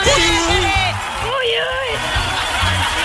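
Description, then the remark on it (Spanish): A group of voices lets out the loud, drawn-out 'uy uy' whooping shout together after a toast, pitches sliding up and down and overlapping, energetic for about three seconds without pause. “Ese grito del uy uy, pero ¿cómo es?”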